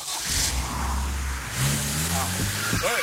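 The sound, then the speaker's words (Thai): A car engine revs up, its low drone climbing in pitch as it accelerates, with a brief voice cutting in near the end; the car's brakes fail to stop it. “รถเป็นไรอ่ะจอดเบรกไม่อยู่อ่ะ”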